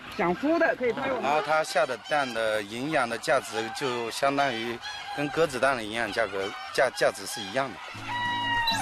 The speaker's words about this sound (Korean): 작은 체구에 독특한 외모를 가진 귀비 닭입니다. 최근 프리미엄 달걀로 주목받고 있다고 하네요. 이곳에서 자라는 귀비닭은 총 2천 마리 정도.